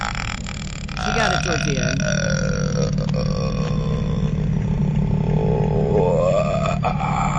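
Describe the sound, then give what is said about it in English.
A long, loud, guttural burp rumbles on for several seconds, its pitch wobbling and rising toward the end before it cuts off abruptly. “It sounds like a burp.”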